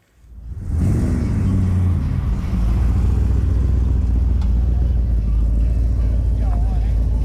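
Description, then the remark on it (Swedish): Deep engine rumble rises within the first second and holds steady and loud, with a revving tone early on, like several old cars idling and rolling past, as classic cars cruise at the Old Time Car Show on Åland under threatening rain. “Trots hotande regn genomfördes Old Time Car Show med utställning och cruising.”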